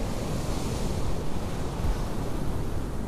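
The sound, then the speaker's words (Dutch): Steady roar of surf washing onto a beach with wind buffeting the microphone, a continuous dense rush of noise with no voices and no clear pauses, on the coast at Noordwijk during the European coastal fishing championships, with long rods set along the water. “Langs het water staan lange palen waar wel 5 uur lang gevist wordt.”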